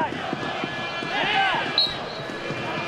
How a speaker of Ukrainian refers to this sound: І знову свистить арбітр, знову Марк Асінор мусить зупинитися.